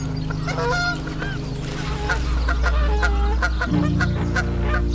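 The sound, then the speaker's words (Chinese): Whooper swans that migrated from the Arctic to spend the winter here call over and over on a lake, a busy chorus of overlapping honking, trumpet-like cries at varied pitches, with a steady low hum running underneath throughout. “这是从北极地区迁徙过来的大天鹅，它们准备在这里过冬。”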